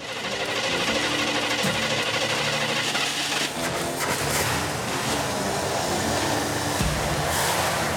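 A loud, steady engine, running after its empty carburetor was given fuel, drones with a rough mechanical buzz, its pitch stepping down briefly near the start and again near the end as it is brought to idle. No voices.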